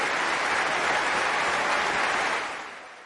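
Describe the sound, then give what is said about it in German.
The Berlin concert audience in the Berliner Philharmonie applauds violinist Christian Tetzlaff after his 2022 performance with the Deutsches Symphonie-Orchester, a dense, steady wash of clapping, holding strong before tapering off toward the end. No cheering voices stand out clearly above the claps. “Das Berliner Publikum hat ihn nämlich ganz eindeutig ins Herz geschlossen. Hier mal ein kleiner akustischer Beleg dafür.”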